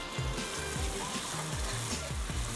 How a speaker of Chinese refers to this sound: 然后现在再把煎过的豆皮再拿来炒， 要把它煎恰恰。 皮已经恰恰，还是要切丝再来恰恰一次。